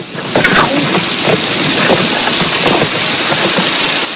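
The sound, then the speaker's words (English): A heavy, steady downpour roars without a break over a trail of rock and mud, a dense hiss of rain spread evenly across the whole clip, with a few brief louder splashes and spatters rising from the wash. “she watches her newly appointed guide march on ahead through the deluge.”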